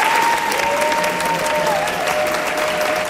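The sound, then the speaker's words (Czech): Sustained, loud applause from a packed hall at the Summer Film School in Uherské Hradiště, seeing off a 76-year-old comedian after a screening of Švankmajer's film Spiklenci slasti (Conspirators of Pleasure): a dense continuous patter of many hands clapping at once, steady throughout with a faint whistle-like tone underneath. “Ještě než převzal výroční cenu Asociace českých filmových klubů, pobavil 76-letý komik po projekci Švankmajerova snímku Spiklenci slasti zaplněný sál, který ho vyprovázel nadšeným potleskem.”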